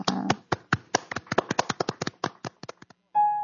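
Sparse audience applause thanking a guest speaker at the close of a session, a few people clapping in crisp, uneven claps for about three seconds before it fades, then a steady electronic tone abruptly begins.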